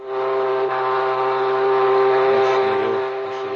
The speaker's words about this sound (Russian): Давайте же гудок! Видя, что его никто не слушает, механик сам схватил кольцо, прикрепленное к канату, открывающему клапан гудка, и потянул его вниз.